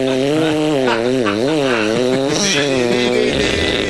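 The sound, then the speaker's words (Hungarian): A buzzy saw sound with rich harmonics holds steady in loudness for about four seconds while its pitch slides and wavers up and down in smooth arcs, with no voices. “mutatom a fűrészhangot, figyelj, de közben te gondolkozzál, nem ez volt?”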